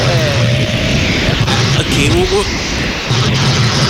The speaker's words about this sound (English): It's difficult to hear you. It's very difficult. As I said, helicopters, you know.